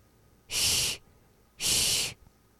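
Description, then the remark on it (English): A voice imitates a cat's hiss to show the sound h of the letter hya, with two sharp, breathy bursts of high hissing noise, each lasting about half a second with a brief pause between, with no talking. “Really similar to that of a cat hissing. So if you have ever imitated a cat hissing, it's exactly like that.”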